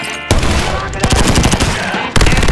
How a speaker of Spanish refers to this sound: ¿Qué está pasando? ¿Hay disparos? ¡Sí!